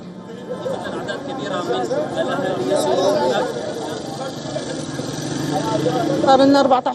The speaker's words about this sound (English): Well, shortly after the verdict became public, Syrians gathered outside the Damascus Justice Palace to celebrate with chants, applause and national flags.